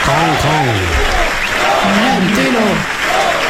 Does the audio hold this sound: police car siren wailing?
no